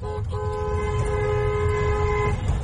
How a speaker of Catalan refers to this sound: Avui molts conductors feien sonar el clàxon en passar pels peatges per celebrar que ja no cal pagar les barreres de l'APCR.